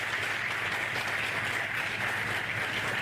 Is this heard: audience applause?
yes